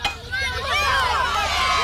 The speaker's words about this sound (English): The crowd went wild.